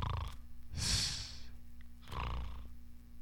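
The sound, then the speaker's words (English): A person imitates snoring with two drawn-out, raspy snores, each a breathy rumbling inhale, separated by a short pause. Fairly loud, with no talking. “Give me some snores.”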